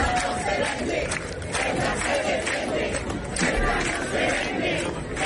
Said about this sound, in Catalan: Persones encapçalades per partits com el Partit Popular i Vox es van manifestar en diverses ciutats de l'estat amb crits com aquest: Ceuta, no se vende, Ceuta no es ven, però també Ceuta és Espanya.